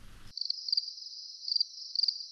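Crickets chirp in a steady, high-pitched trill with rhythmic pulses every half second or so, clear and alone after a brief burst of other sound at the very start.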